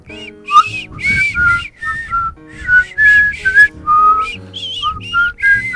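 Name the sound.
person whistling a tune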